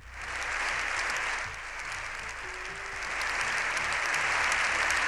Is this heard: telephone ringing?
no